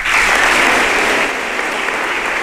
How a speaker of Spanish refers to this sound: Més aplaudiments per a l'alcaldessa de València, Maria José Català, en el seu discurs.